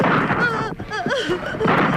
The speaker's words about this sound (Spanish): ¡Los disparos no los detienen!